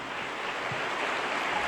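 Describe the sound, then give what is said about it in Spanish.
Sustained applause from an audience at a Christian worship service, given in praise to God as King: a dense, steady wash of clapping that holds at an even loudness throughout, with no voices rising above it. “Dale más aplausos al Rey.”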